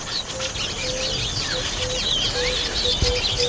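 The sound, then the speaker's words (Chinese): A colony of small African weaver birds chatters nonstop, a dense overlapping tangle of high chirps and buzzy trills at a steady, fairly loud level, with short low whistled notes repeating underneath. “非洲的小型织布鸟几乎用尽所有手段。”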